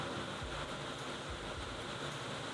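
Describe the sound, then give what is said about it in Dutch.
Heavy rain pours down in Brussels in a steady, dense hiss that never lets up, with a few soft low rumbles underneath and no voices. “Maar dat is dus de regen die hier nu ook in Brussel met bakken uit de lucht valt.”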